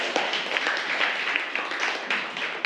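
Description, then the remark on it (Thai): Students in a class clap hands together in thanks after watching a video: a steady, dense patter of applause that holds at an even level for a few seconds, with no voices over it. “ขอบคุณสื่อวิดีทัศน์ดีๆด้วยปรบมือหน่อยค่ะ”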